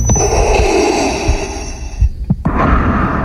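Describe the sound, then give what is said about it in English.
A man dressed as Darth Vader, at the podium of a San Diego City Council Public Safety and Livable Neighborhoods Committee meeting, imitates heavy, mechanical-sounding Darth Vader breathing into a microphone, loud with a hissing, rasping texture, pausing briefly before another long breath. “The man approached the podium at a Public Safety and Livable Neighborhoods Committee meeting with Darth Vader's signature breathing into the microphone.”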